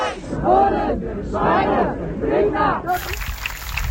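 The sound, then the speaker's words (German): A large crowd in a protest march on the B7 near Frienstedt cheers and shouts in surging, rhythmic waves, fairly loud, giving way at the end to a burst of clapping, as a released activist returns to the march. “Das, was wir gerade hören, ist der Applaus, weil die eine Person vom orangenen Finger auf der B7 bei Frienstedt nun aus der ED-Behandlung freigelassen wurde und zurückgekehrt ist in den Demoaufzug.”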